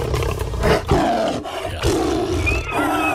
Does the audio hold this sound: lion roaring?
yes